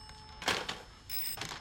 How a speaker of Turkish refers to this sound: Diğer hat çalıyor. Seni sonra arayacağım.